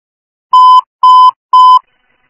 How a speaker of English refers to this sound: 2 La Vista Engine 62. Ringing alarm.